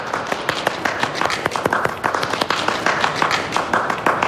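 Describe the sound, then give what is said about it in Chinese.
An audience of winery owners at a wine-region salon applauds steadily to welcome an official from the forestry department's wine industry group as speaker, dense overlapping claps sustained throughout at a moderate level, with no voices heard. “大家掌声有请。”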